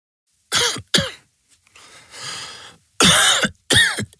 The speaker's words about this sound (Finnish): Hei, älä suotta köhi.